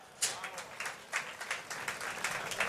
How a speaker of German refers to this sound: Einen kräftigen Applaus für die Hausherren.